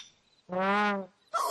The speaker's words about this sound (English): Wow, that is a big bird. What is it, Tango? Oh, it's not a giant bird. Oh, it was just close. Yeah. Oh, so the sound wasn't coming from a dinosaur. It was coming from this bird.